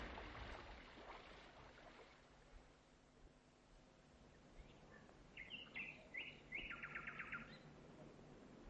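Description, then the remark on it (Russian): A nightingale sings outdoors, its varied phrases ending in a rapid, clear trill, fairly loud against a steady hiss of background noise, with no one talking. “Ты послушай. Соловей. Соловей. Птичек слушаешь”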